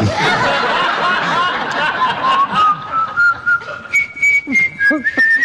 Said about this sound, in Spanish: Si tocara el piano como usted silba, sin duda lo haría.